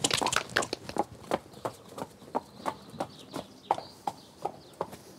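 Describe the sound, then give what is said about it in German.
A horse trots off after a leg flexion test during a pre-purchase check, its hooves striking in a steady clip-clop rhythm about twice a second, with faint bird chirps and no talking. “Trab los wie ein junger Gott, ne?”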